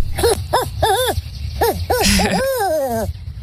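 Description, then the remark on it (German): A man from the USA, standing outdoors in nature, imitates a barn owl: several short, rising-and-falling hooting calls in quick succession, then a longer, drawn-out call that slides downward, fairly loud over a low background rumble. “First we get the barn owl.”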